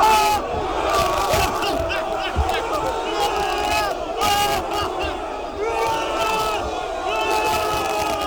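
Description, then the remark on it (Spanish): Argentina's Pumas rugby team shouts and cheers together, celebrating a goal and the Argentine national team's win. It is a loud, continuous wall of raised voices with overlapping yells and chant-like cries lasting the whole stretch. “los Pumas que ayer también siguieron el partido y hay algunos videos de ellos celebrando, festejando el triunfo de la selección argentina en el día de ayer.”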